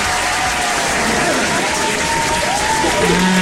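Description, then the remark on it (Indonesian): A crowd applauds steadily, a loud, dense wash of many hands clapping without pause for a few seconds, with faint voices murmuring underneath. “Jangan nak tepuk tangan.”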